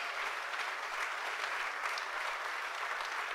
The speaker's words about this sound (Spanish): Denle el aplauso a Jesucristo.